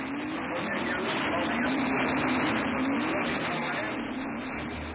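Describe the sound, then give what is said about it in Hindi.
A small engine hums steadily as a scooter rides along, its pitch drifting slightly up and down beneath a constant rush of road and wind noise. “अरे धीरे स्कूटर, धीरे चलाओ ना।”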